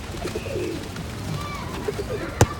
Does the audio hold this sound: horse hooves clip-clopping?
no